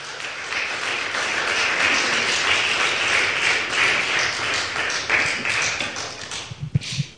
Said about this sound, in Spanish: ¿Cuántos dicen gloria a Dios? Un aplauso, eso.